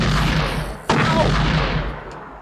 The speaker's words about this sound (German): Genau, den haben wir kurz abgewürgt, den Schuss. Das war nur ein halber Schuss ins Schwarze.